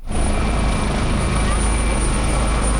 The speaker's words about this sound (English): Rescuers continue to use helicopters to lift flood survivors to safety after this week's devastating flood tore through a mountainous region on the Nepal-Tibet border.